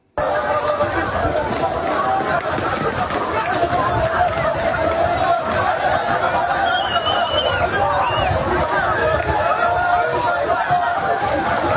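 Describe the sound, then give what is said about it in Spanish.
A dense, chaotic din of many voices of migrants shouting and murmuring at once as they run toward the port of Ceuta, with scuffling movement throughout, steady and loud for the whole stretch without a clear single speaker. “Hemos visto todos en la televisión las avalanchas, los inmigrantes corriendo para intentar hacerse con un hueco.”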